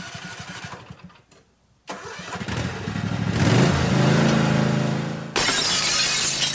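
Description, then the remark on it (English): A small lawnmower engine sputters and cranks to life, revving up into a steady roar, then a sudden sharp crash of a car's side window glass breaking cuts in over the running motor. No one speaks. “can fix your broken automotive side glass from those pesky lawnmowers, even rock chips.”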